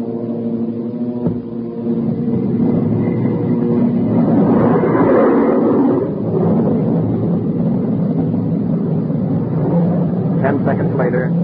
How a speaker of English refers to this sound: Then Captain Mayo switched on our jet engine.